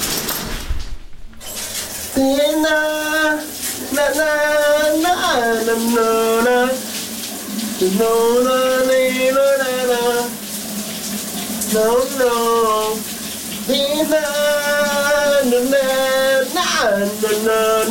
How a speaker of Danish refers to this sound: hvad det var, … han sang under bruseren